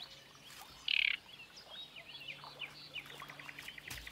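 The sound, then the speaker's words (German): Great reed warbler song rings out from a reed bed: a loud harsh burst followed by a run of scratchy chirps and short notes, with a faint ambient hum beneath and no talking. “Auch die Drosselrohrsänger haben ihr Nest tief im Schilf versenkt.”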